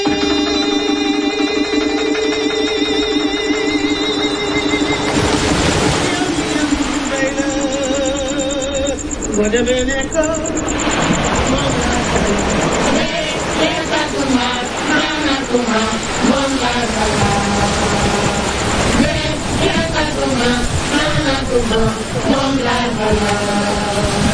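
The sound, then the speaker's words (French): A steady mechanical drone, like idling boat engines, runs throughout while a lively crowd of many voices shouts and chatters at Joal, Senegal's leading artisanal fishing port, as fishing boats come and go, growing busier and denser after the opening seconds. “Une foule effervescente s'agite au rythme des allées et venues des bateaux de pêche.”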